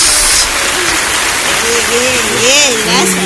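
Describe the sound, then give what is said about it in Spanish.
A crowd applauds in a steady, dense wash of clapping that lasts the whole stretch, with a few voices calling out over it toward the end. “Un aplauso.”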